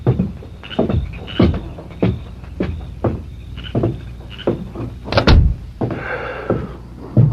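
A run of wooden knocks and bumps builds to a door shutting with a loud, solid thud, followed by softer rustling movement. No one speaks.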